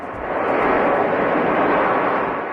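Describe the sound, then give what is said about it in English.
A jet airplane carrying 17 Americans evacuated from the Canary Islands lands in Omaha, Nebraska, early in the morning, its loud, steady rushing engine noise swelling and then easing slightly, with no voices. “A plane carrying 17 Americans evacuated from the Canary Islands, landing in Omaha early this morning.”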